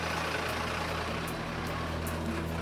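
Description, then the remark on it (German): A fire engine's heavy diesel engine rumbles low and steady as it creeps along past a wooden barricade toward the savanna area in Münster, with a few short, sharp hisses breaking through the continuous drone. No one speaks. “Und die Feuerwehr tastet sich langsam vor. Gas geben!”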